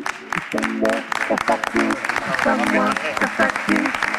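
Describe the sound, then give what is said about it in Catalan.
Steady audience applause for Carles Checa, a dense wash of clapping that carries on for about four seconds while a man's voice talks loudly over it. “Si us plau, un fort aplaudiment per Carles Checa, si us plau.”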